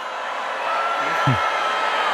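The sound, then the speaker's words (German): A crowd of students boos a speaker loudly after his remarks about AI, in a steady, unbroken wash of many voices, with one lower voice briefly rising above the din partway through. “Ja, und dann wurde er kräftig ausgebuht.”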